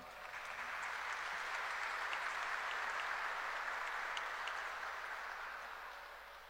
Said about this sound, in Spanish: Para todos ellos, muchísimas gracias y un fuerte aplauso.